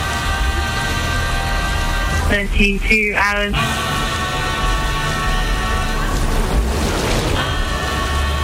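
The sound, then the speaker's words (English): Heavy rain from a tropical storm in the North Pacific roars steadily throughout, a dense wash of downpour, with a brief burst of a human voice partway through and a surge of gusting water near the end. “A real beating at the hands of the merciless tropical storm.”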